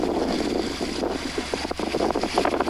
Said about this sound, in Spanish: ¡Qué hermoso! ¿Escuchan el agua? Hermoso, hermoso.